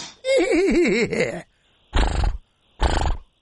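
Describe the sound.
A person imitates a stallion's whinny: a loud, quavering, wavering neigh lasting over a second, followed by two short, breathy snorting bursts.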